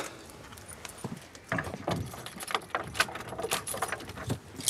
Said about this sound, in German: Und die Tür klemmt ein bisschen. Aber jetzt repariere ich die noch.